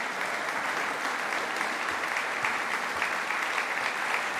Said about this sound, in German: Ein Konzert der Extraklasse mit der Mezzosopranistin Léa de Sondré und dem Lautenisten Thomas Dunford und seinem Ensemble Jupiter. Ihnen gilt hier auch dieser Applaus zu Ihrem Konzertabend im Rokoko-Theater in Schwetzing am 22. Mai.